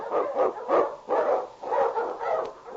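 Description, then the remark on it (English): A husky sled dog, the Eskimo lead dog King, barks and howls repeatedly in an excited, yelping chorus, about five loud bursts in quick succession, with no talk over it. “The challenge of the Yukon. On King! On your husky!”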